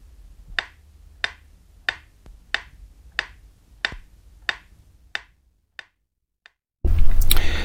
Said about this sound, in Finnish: Ja nyt vielä varmistuksen vuoksi metronomin tikitystä, jonka pitäisi kuulua vain oikeanpuoleisesta kaiuttimesta.